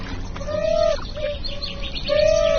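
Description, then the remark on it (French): Birds chirping in a few drawn-out, whistle-like calls, with a pause between them, clear over a steady background hiss; no one speaks. “C'est génial parce que vous avez les oiseaux qui participent au son.”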